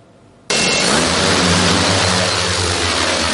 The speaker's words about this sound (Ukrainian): Ось так гучно в небо здіймається ударний дрон-бомбардувальник «Вампір» сьогодні у навчальному режимі.